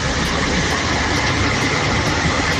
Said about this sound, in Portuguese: Ué, só tô ouvindo barulho do trânsito todo